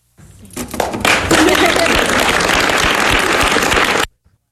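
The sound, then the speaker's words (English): A large crowd in the room where a bill is signed bursts into loud cheering and sustained applause in reaction to the announcement, a dense roar of clapping and shouting voices that holds steady for about four seconds before cutting off abruptly. “This is the crowd reaction to the announcement.”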